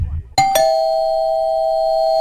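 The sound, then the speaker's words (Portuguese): A doorbell chimes with two quick strikes, then one clear bright tone rings on steadily and fades only slightly, loud, with a faint low murmur just before it. “Toquei a campainha, ela não me atendeu.”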